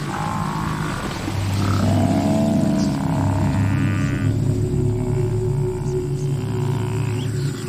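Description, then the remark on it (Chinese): A lioness roars in deep, rumbling low tones that hold steady and loud for several seconds, with layered growling harmonics and no speech. “狮子已经一个月没有吃上一顿正经饭了，如果再不进食，狮子恐怕撑不下去了。”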